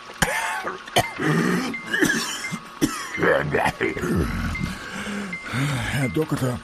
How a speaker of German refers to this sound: Herr Doktor, ich flehe Sie an. Helfen Sie mir gegen diesen furchtbaren Husten.